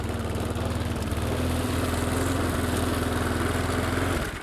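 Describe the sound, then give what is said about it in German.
A loud lawn mower engine, driven past in a garden, drones steadily with a rattling low hum and a sustained tonal whine, peaking at 86 decibels, holding constant for about four seconds before cutting off abruptly near the end. “Aber auch so bekommen wir ungefähre Daten, wer wie laut durch den Garten rattert.”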